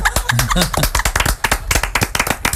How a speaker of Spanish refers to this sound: Y aplausos.